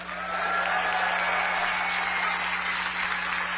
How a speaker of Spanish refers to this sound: Nuestro próximo participante nació en Tucson, pero ahora radica en Chicago. Por favor, un aplauso grande